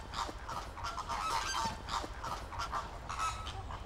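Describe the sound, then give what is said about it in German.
A flock of flamingos honks steadily while feeding in the rain, standing with their feet in water, with many nasal, goose-like calls overlapping in a constant chatter that rises in bursts and stays fairly loud throughout, with no talking. “Aber bei Regen mit den Füßen im Wasser, für die Flamingos kommt das Sauwetter gerade recht.”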